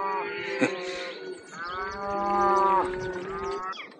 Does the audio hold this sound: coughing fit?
no